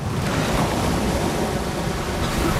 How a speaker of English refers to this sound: He resurfaces, gasping for air. Looking panicked, he thrashes and kicks around in the swirl of churning white water and a strong current.